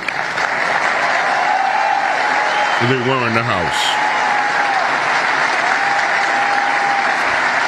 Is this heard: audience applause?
yes